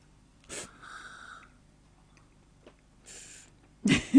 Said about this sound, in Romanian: atunci când vom pune în gură, nu vom înghiți direct, ci vom face o chestiune care se numește stripagio. Se trage puțin aer printre dinți ca să se ducă pe toate papilele gustative.